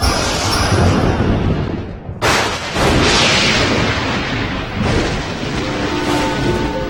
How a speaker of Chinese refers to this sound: 是啊，哎，阿嫂，怎么光打雷不下雨啊？这雨怎么还不下？ 这打了半天雷，它也不下雨，这不会让我们失望吧？